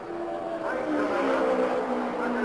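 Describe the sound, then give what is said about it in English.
Race car engines roar past in a steady, loud drone, their whining tones sliding in pitch as several cars go by one after another under the green flag, including A.J. Foyt's and Al Unser's, heading up the backstretch, with no talking. “And here comes, here they are right by us now. Foyt. Al Unser is between those two cars as they head up the backstretch”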